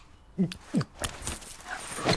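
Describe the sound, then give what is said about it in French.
A dog named Nelson, told to fetch slippers, lets out a few short, whiny yelps spaced about half a second to a second apart, fairly loud, with a jingling metallic rattle in between. “Oh là, abruti chien.”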